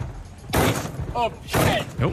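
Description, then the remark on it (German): Two heavy, crashing blows of a hammer smashing into a suitcase out of frustration, after it was damaged in travel, land about a second apart, each with a rattling tail. Brief voice sounds come between and after the hits. “hat sich einen Hammer genommen und seinen Frust an seinem Koffer rausgelassen.”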